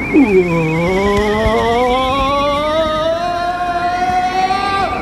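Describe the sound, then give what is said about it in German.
A car engine drones loudly, its pitch sweeping down briefly and then climbing steadily as it drives on into a road tunnel, with a constant roaring rumble underneath and no voices. “Na, sie sind abgebogen und fahren gleich da vorne in den Straßentunnel.”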